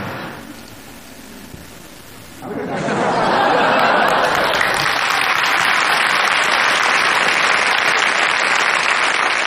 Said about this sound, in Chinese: 谁鼓掌了？